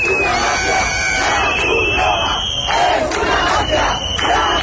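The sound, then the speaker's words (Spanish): A loud crowd of protesters shouts slogans together in sustained, overlapping yells, with rhythmic surges in the chanting throughout and no clear individual voice standing out, as a small group tries to block Red Cross trucks carrying water and food for immigrants, shouting "The Red Cross is a mafia". “Un grupúsculo ha intentado bloquear el paso a camiones de la Cruz Roja que transportaban agua y comida para los inmigrantes al grito de «La Cruz Roja es una mafia».”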